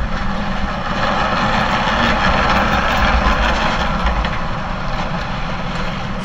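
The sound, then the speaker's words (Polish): A tram rumbles by with a steady, loud mechanical roar and a deep low drone, holding an even level for the whole stretch, with no one talking. “Słyszycie tramwaj?”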